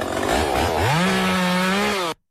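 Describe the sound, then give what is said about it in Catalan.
A chainsaw runs in the morning, loud and continuous, starting with a rough idle and then revving up into a steady high-pitched whine that holds before cutting off abruptly. “No sé si així es pot descansar massa, perquè això és el típic so, et trobes el mosquit, el mussol, la motosserra del matí.”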